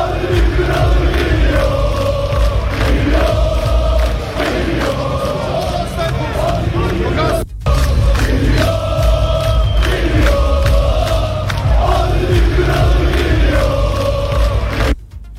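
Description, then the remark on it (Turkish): Fenerbahçe congress members chant loudly in unison from the stands for Aziz Yıldırım as he leads the club presidential race, a repeating rhythmic phrase sung over and over with dense, reverberant voices, briefly cutting out midway before resuming. “Tribünlerden gelen sesleri sizlerle paylaşıyorum.”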